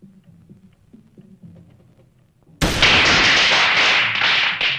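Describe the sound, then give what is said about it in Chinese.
A few soft taps, then a string of firecrackers abruptly bursts into a loud, dense crackling barrage that rattles on without pause to the end. “放鞭炮？”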